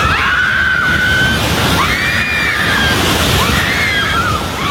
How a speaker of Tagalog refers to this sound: maririnig ang sigawan ng mga tao habang niyayanig ang General Santos.